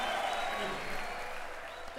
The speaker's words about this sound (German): Jubel und Applaus hier gerade. Jubel, Trubel, Heiterkeit. Ja, und das war hier eine Live-Aufnahme aus, ich glaube, aus der Stadthalle in Reutlingen war das, oder?